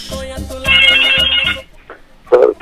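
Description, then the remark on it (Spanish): An outgoing call's ringing tone, placed from a morning radio show on 760 AM, buzzes in steady repeating pulses, swelling louder midway, then stops; a short burst of voice follows after a quiet gap. “Y bueno, pues vamos a ver si tenemos suerte en esta mañana y que nos reciba la llamada. Ahí está ya timbrando, vamos a llevar gallo, 8:22 minutos.”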